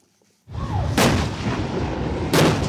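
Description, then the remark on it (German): M60 tank cannons fire two heavy booming shots at dawn at Pengshu, an island group in the Taiwan Strait, during a Taiwanese military exercise, spaced a little over a second apart. Each one is a loud, sharp blast over a steady, deep rumble that starts suddenly after a brief silence. “Im Morgengrauen feuern M60-Panzer auf Pengshu.”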